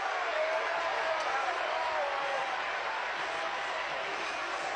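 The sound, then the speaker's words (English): A steady wash of crowd noise with scattered clapping and cheering from the Georgia dugout, applauding Scott Newman reaching base on a ball-four walk at the College World Series. It holds at an even level for several seconds, with murmuring voices mixed into the din. “The Georgia dugout explodes with applause for Scott Newman.”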